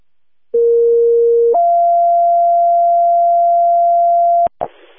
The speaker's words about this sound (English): Canceled by Madison. Could you put out cancel tones?